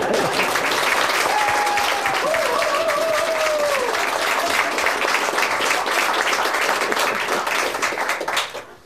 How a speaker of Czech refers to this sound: Přesto sklidíte bouřlivý potlesk.